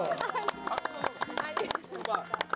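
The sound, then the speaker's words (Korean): A few people clap by hand during a farewell gathering on a broadcast, in a quick, uneven burst of sharp claps that runs the whole time, while voices talk and murmur underneath. “박수.”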